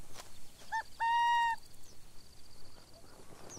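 Shrill calls of burrowing owl chicks begging their returning mother for food: a short tonal chirp followed by a longer, steady raspy squeal lasting about half a second, then quieter rustling and faint trailing peeps in the background.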